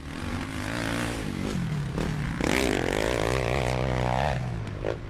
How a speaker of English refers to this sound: Probably a bit too familiar in the streets of Alice and probably in Tennant Creek as well. The sound of dirt bikes often being ridden on footpaths and dangerously. You might have seen them on either dirt trails or around your part of town.